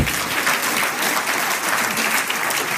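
Steady, dense applause from an audience, many hands clapping at once in a continuous bright crackle that holds an even loudness throughout, with no voices on top.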